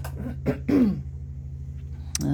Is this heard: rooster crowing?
no